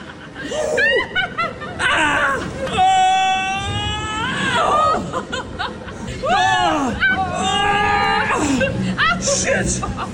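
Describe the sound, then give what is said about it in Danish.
Excited screams and squeals from riders on a rollercoaster simulator at Universe Science Park, loud, high-pitched cries that rise and fall in waves, mixed with laughter over a steady rumbling background. “Jamen, de sidder i en rollercoaster-simulator i Universe Science Park, hvor verdens bedste morgen sendte fra i morgen.”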